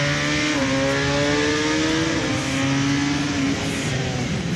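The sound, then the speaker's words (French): A motorcycle engine pulls hard and loud as it accelerates out of a corner, its buzzing tone climbing steadily, with a brief shift in pitch partway through as it keeps accelerating. No one speaks. “Point de bord, hop, accélération.”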